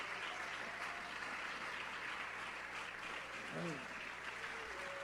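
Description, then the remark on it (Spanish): A church audience claps steadily in applause for the Lord Jesus Christ, a dense, continuous wash of applause, with some faint voices and a brief vocal inflection rising through it. “Y dele un fuerte aplauso al Señor Jesucristo.”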